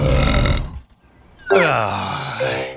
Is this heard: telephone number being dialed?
no